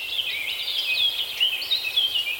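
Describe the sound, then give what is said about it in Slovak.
A continuous chorus of high, twittering forest birdsong, with many overlapping chirps and trills at a steady, moderate level, heard outdoors in a forest with no voices. “Tak som sa túlal horou a počúval som lesnú hudbu.”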